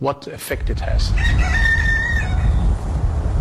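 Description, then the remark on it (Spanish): A rooster crows once in a long, drawn-out call in a garden over a steady low outdoor rumble, clear, with a few brief sounds just before it starts. “En su jardín, un gallo y unas cuantas ovejas se acercan a nuestro paso”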